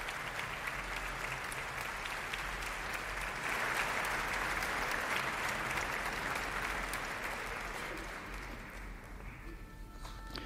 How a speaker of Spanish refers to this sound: Los aplausos que escuchaban era la salida de la concertino de la Orquesta Nacional de España, Valery Stenkin, que va a tener un papel muy importante como violín solista en la Scheherazade de Rimsky-Korsakov en la segunda parte.